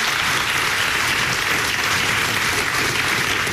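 A steady wash of audience applause for Dr. Chervinsky at a talk on the presidency fills the room, dense, even clapping from many hands that holds at a consistent, fairly loud level throughout without any voices.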